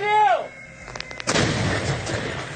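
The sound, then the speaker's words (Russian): A self-propelled M-100S howitzer, crewed by the 400th Self-Propelled Artillery Regiment of the 90th Guards Tank Division, fires at enemy fortified areas on the Dobropillia direction: one loud, sharp blast, preceded by a brief falling tone and a few metallic clicks, then a long rolling rumble that slowly fades. “По укрепрайонам противника работает расчет САУМ-100С 400-го самоходного артиллерийского полка 90-й гвардейской танковой дивизии группировки войск «Центр».”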